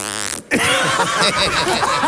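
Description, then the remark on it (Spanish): A voice imitates a zipper being pulled: a short tonal sweep, a brief pause, then a long raspy, buzzing rasp that wavers in pitch for nearly two seconds. “Oye, por favor, repita el sonido de la cremallera.”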